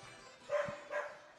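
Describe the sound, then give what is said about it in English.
Two quick barks from Huskies in the concourse of a ballpark, barking at another small dog walking around, about half a second apart, moderately loud, over a steady background hum of a crowd. “As some Huskies are barking.”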